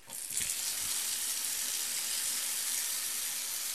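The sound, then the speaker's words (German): A strong, steady jet of spring water gushes into a bathtub at a bathhouse, a loud continuous hiss and splash that starts abruptly and holds evenly throughout, with no voices. “Also es tritt ein kräftiger Strahl heraus in die Badewanne.”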